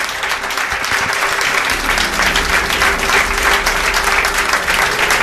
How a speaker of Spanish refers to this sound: Pido un aplauso para él.